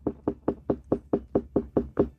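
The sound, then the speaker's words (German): A watermelon farmer in Upper Bavaria knocks on a ripe watermelon as a ripeness test, about nine quick, evenly spaced raps with a dark, hollow thud, fairly loud with no voices. “Also so hört sich jetzt eine reife Melone an.”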